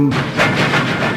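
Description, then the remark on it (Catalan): A loud, steady rumble of a train running on rails, with rhythmic swells of clatter rolling through the noise; a brief voice is heard at the very start. “El tren que va a Gelida potser sona una mica així”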